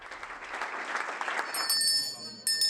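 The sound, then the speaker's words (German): A group applauds, with back-patting, at CDU finance minister Michael Boddenberg's last parliamentary group meeting in Hesse. Dense, steady clapping fills the first couple of seconds, then dies away and leaves a quieter background with a few thin, ringing tones. “Großer Applaus und Schulterklopfen.”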